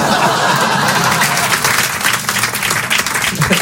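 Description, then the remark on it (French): A dense burst of audience applause, many hands clapping steadily and loudly for several seconds, with a few faint laughs mixed into the crowd noise. “Hein, mais elle, elle n'a pas applaudi.”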